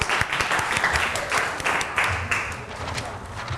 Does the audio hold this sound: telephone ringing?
no